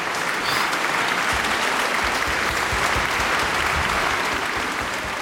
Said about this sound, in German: die Völkerouvertüre. Ah, Applaus.